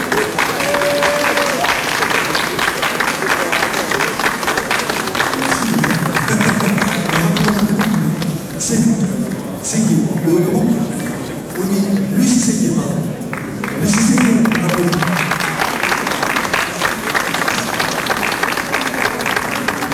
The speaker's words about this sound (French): Et on l'applaudit aussi.